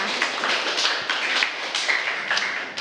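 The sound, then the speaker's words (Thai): A class applauds a student group whose desk topic was titled 'Clean desk, clear mind', steadily for about three seconds, many hands clapping in a dense, crackling patter that stays at an even, fairly loud level with no voices over it. “โต๊ะเรียนสะอาดสมองปลอดโปร่งขอเสียงปรบมือให้กับกลุ่มนี้ด้วยค่ะ”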